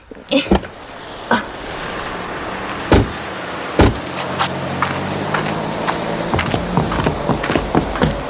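People climb out of a car parked in front of a music shop: a few sharp clicks and solid door thumps, with shuffling movement over a steady low background hum.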